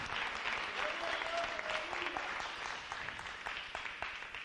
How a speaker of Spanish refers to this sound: Dele un aplauso al Señor en esta tarde. ¡Aleluya! ¡Gloria a Dios!